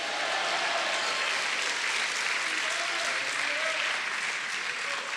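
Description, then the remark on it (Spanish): An audience applauds steadily, a dense wash of clapping from many hands that holds at an even level throughout, with faint voices mixed in beneath it. “Si usted lo cree, denle un aplauso.”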